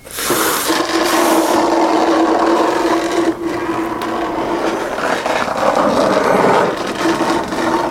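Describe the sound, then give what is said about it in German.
A continuous rough scraping and rubbing, like something heavy dragged along the ground, loud for the whole stretch with an uneven, grinding texture and no talking. “Deswegen schleift sie ihn weg.”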